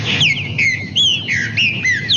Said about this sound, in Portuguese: E eu quero saber que passarinho que é esse que apareceu aqui na fazenda. Ó, escuta só, escuta só. Ó, escuta o canto desse pássaro, ó, que coisa mais linda.